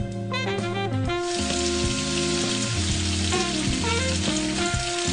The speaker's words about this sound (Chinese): 腌制好的虾在沥干多余水分后，小心炸至外壳金黄酥脆。